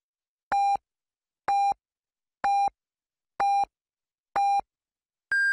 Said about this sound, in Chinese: 北京时间14点整，第一财经广播提醒您准确对时